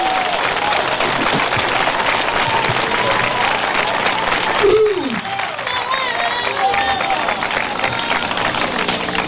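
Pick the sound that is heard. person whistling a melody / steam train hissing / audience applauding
audience applauding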